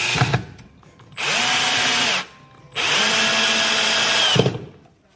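A power drill whirs in two sustained bursts of about a second each, drilling into chipboard while building a bookshelf, with a steady high-pitched whine, loud, separated by a short pause and a few handling knocks.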